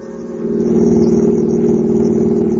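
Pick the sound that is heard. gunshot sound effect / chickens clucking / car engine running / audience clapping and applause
car engine running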